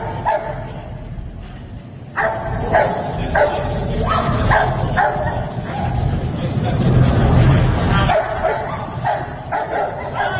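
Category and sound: animal, police dog barking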